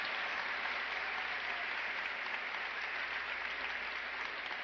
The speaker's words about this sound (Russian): Как вы видите, я говорю на чистейшем акценте, безо всякого английского. В зале смех, аплодисменты.